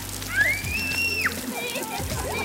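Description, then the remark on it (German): Water splashes and sloshes steadily at an outdoor water attraction on a hot summer day, with a child's high rising squeal or call cutting across it and faint voices. “Gerade bei Kindern ist es im Sommer beliebt, weil natürlich das Wasser die Abkühlung liefert.”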